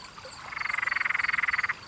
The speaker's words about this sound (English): Or what about the frogs that live in all the cool, damp nooks and crannies?